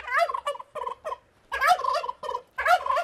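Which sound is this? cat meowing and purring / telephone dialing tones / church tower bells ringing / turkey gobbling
turkey gobbling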